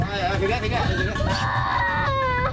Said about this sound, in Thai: 5ชีวิตครับติดอยู่ในบ้านที่อำเภอบางคล้าบางคล้าหนักมากนะฉะเชิงเทราปีนี้นะครับน้องร้องไห้เลยนะครับ